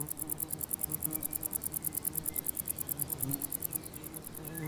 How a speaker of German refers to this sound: Und wenn man sich ihnen nähert, hört man eine Symphonie der unterschiedlichsten Musiker. Dieses Nähmaschinengeräusch stammt von einer Schwertschrecke, während der Warzenbeißer eher Pianissimo spielt.